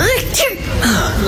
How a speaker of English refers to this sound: How many sneezes did you do?